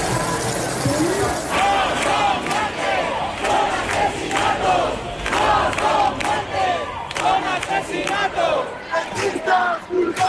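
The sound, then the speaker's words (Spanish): An angry protest crowd, raging after the death of Mari Carmen, chants and shouts in loud, dense waves, voices overlapping in rhythmic bursts of rage that keep surging without a pause. “El sonido de la semana ha sido el del estallido de la rabia tras la muerte de Mari Carmen, una llama que mantienen los que siguen en sus tiendas de campaña en el centro de Madrid.”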